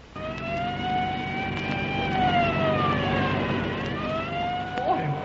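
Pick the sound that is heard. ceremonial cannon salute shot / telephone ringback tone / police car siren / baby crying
police car siren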